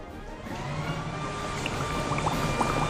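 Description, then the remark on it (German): A steady, loud rushing roar of a leaf blower with a garden hose held in front of it, mixed with hissing, splattering water spray, continuous throughout with a faint engine whine and no voices. “Jetzt hält er den Gartenschlauch vor den Laubbläser.”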